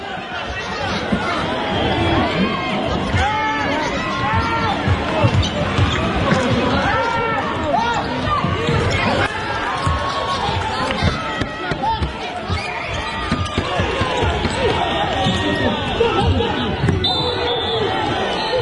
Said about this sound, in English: The whistle hasn't blown yet. It's the final minute of that David Goliath basketball game. At Burton's behind by 13 points, the crowd is squeezed around the court lines.